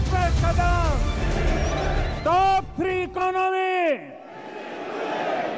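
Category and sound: crowd, crowd chanting a slogan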